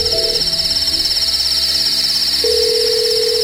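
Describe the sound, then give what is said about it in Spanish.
Steady electronic phone tones over a constant high hiss, with a shorter tone at the start and another sustained tone starting near the end, like a mobile call being dialed and ringing: a man calling for help on his mobile phone after overturning in an accident. “La llamada por fin entra.”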